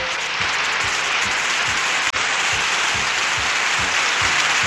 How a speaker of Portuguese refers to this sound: Ai, beleza! Mais palmas, mais palmas. Oi, oi, oi!